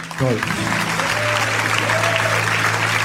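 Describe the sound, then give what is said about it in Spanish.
An audience applauding steadily, a dense wash of many clapping hands at even loudness, with a low sustained hum and a brief voice or two rising through the noise. The applause is given to the Lord after a prayer of thanks for his word. “Al Señor que con su palabra nos trae luz, démosle un aplauso.”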